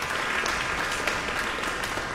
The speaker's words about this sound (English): Wilson, you just got, here he goes inside the hall. You just got a very big round of applause.